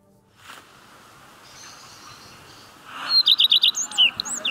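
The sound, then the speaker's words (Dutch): Birds sing outdoors along a bird walking path in Ens: after a few seconds of quiet ambient hiss, a run of quick, bright high-pitched chirps rings out, followed by a few more whistled notes. “Bordjes met QR-codes om vogelgeluiden te kunnen horen.”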